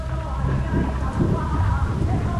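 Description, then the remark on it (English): A steady, dense downpour of heavy rain fills the scene, a constant hiss over a low rolling rumble of thunder, with no voices and no clear break in the wash of sound. “The rain kept coming and the rain kept coming.”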